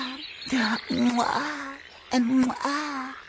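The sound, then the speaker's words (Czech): A human voice imitates a frog's croaking in two loud bursts of drawn-out, throaty calls, separated by a short pause. “No haj, skere kajš rozna krokava, hač rjana žaba.”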